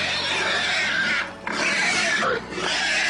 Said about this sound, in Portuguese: E o barulho deste carro assustou os porcos da casa da Sofia. E os porcos começaram a grunhir.